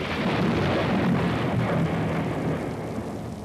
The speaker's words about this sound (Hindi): अरे भाई भोला राम जी, ये बरसात तो बहुत जोर की हो रही है। हाँ कृपा शंकर, दो दिन से सूर्य भगवान के दर्शन ही नहीं हो पा रहे हैं।